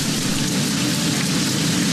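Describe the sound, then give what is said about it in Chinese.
Steady rain falls through a forest, a dense, even hiss with a soft low rumble beneath it, continuous and fairly loud with no voices. “雨来了，雏鸟们乖乖等候着妈妈。”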